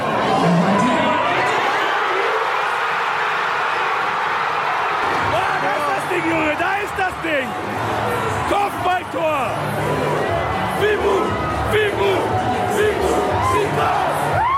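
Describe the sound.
A dense, loud crowd of about 500 football fans cheers after an equalising goal just before half-time and shouts the chant "Fimbu" (Lingala for whip), many voices rising and falling together in rhythmic bursts over a constant roar for the whole stretch.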